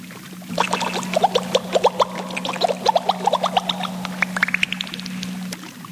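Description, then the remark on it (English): A busy run of watery splashes and sloshing plays over a steady low hum for several seconds, tapering into a rising gurgle before it stops. Nobody speaks. “Did you hear a splash?”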